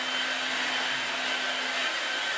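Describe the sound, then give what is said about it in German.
A hair dryer blows steadily to clean a floor in place of a vacuum cleaner, a loud, even rush of air with a faint motor hum underneath, running without a break and with no voices. “Ihr könnt auch mit dem Föhn arbeiten, wenn ihr keinen Staubsauger habt.”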